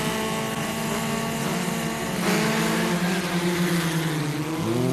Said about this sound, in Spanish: Ya sé que son coches, pero suena raro, ¿no? Sí, suena un poquito a mosca, ¿eh? Suena un poco a un avispero.